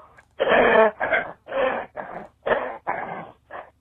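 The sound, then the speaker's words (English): A run of about seven harsh, raspy coughs in quick succession, fairly loud, each a short rough burst with brief gaps between, and no talking. “Wait, here's somebody actually coughing, I guess.”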